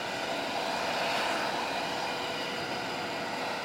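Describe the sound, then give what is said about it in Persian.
A steady, loud roar of jet engines at Ankara airport, Turkey, as Donald Trump arrives after a NATO summit to fly to a base in Britain, a broad rushing whine that holds constant throughout with no speech over it. “این لحظه ای است که پس از پایان نشست ناتو، دونالد ترامپ به فرودگاه انقره می رسد تا به سوی پایگاهی در بریتانیا پرواز کند.”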